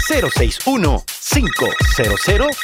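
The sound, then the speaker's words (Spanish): A telephone rings in two trilling bursts with a brief gap between them, heard clearly beneath a voice making rapid, sing-song syllables throughout, as listeners are invited to phone the show Papagayo. “Llámenos por teléfono a tu Papagayo.”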